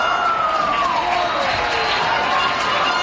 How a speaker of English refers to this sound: Crowd's getting loud.